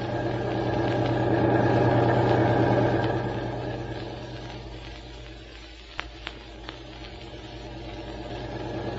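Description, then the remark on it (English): A car engine hums steadily while the car is driving, a low, throbbing drone that swells and eases slightly, broken by a couple of faint clicks partway through. No one speaks. “Boy, this is some car, isn't it”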